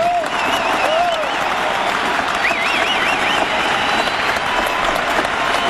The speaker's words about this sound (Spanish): un muy muy gran, más grande aplauso para los chicos de la orquesta.